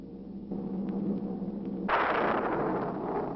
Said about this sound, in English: Residents near the cemetery paid little attention to the blast of thunder and the flash of lightning.